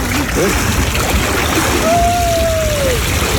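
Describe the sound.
Continuous, fairly loud splashing of water as someone swims breaststroke for 25 meters, one full length of a swimming pool, a steady churning texture throughout, with a brief sustained tone gliding slightly downward near the end and indistinct voices in the background.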